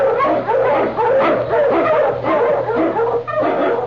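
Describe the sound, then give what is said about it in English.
Husky sled dogs bark and yip in a loud, continuous, overlapping chorus of sharp calls, with a steady low hum running underneath, in the opening of the show The Challenge of the Yukon, introducing King, Sergeant Preston's Eskimo lead dog. “Manu Husky! The Wonder Dog King, swiftest and strongest of Eskimo lead dogs, blazes the trail through storm and snow for Sergeant Preston as he meets the Challenge of the Yukon.”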